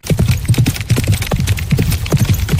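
Galloping horse hooves pound loudly in a fast, rolling three-beat gallop rhythm, with repeated clusters of thuds continuing steadily throughout; horses galloping at a horse race.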